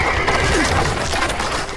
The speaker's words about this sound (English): Watch out! There's a horse! Watch out!